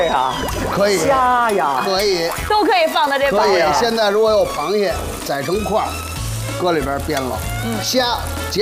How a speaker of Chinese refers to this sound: 我真香，葱姜不煸不香。来煸香了， 煸香了。